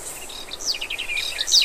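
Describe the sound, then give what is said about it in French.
A garden warbler sings a long, rapid, continuous warble of quick, bright, varied notes tumbling over one another, clear, with no voices. “Et voilà maintenant la fauvette des jardins. C'est un chant long et gazouillant.”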